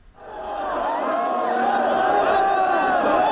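A dense crowd of tens of thousands roars in the streets of Nairobi, gathered to see the coffin of Raila Odinga, countless voices shouting and chanting together in a steady, loud wash of noise that swells quickly and holds without pause.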